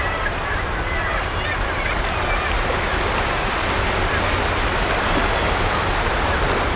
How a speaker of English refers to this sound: But as I look down at the impressive waves, eating at the soft chalk land beneath my feet